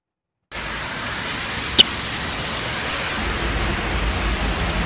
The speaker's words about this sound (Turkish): İşte o beklenen kuvvetli yağış geldi. Birçok kentte sağanak nedeniyle yollar göle döndü. Bazı iş yerlerini su bastı. Şiddetli yağış birçok noktada hayatı olumsuz etkiledi. İşte yurttan sağanak manzaraları.